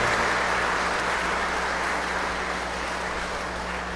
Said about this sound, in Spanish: Felicidades a las comunidades que estarán de fiestas en honor a María Santísima bajo esta vocación de la Virgen de Fátima. Regalémosle un fuerte aplauso a nuestra Madre Santísima, la Virgen María.